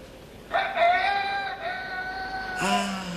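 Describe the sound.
A man's voice imitates a rooster crowing: a long, strained, harmonic call held for about two seconds, then a second, lower-pitched crow begins as the first ends.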